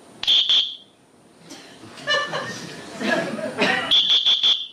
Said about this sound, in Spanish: Ah, bueno, pasa que por la cámara el sonido no acaba de ser el parecido al silbato humano.